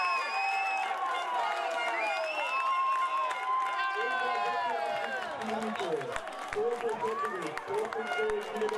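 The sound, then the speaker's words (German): A loud, dense roar of Schottewitz football fans cheering after the goal to 3:1 against Reppichau in a reserve cup match, many voices shouting and whooping at once in a sustained wave of excitement that stays strong throughout. “Die Fans von Schottewitz explodieren förmlich vor Freude.”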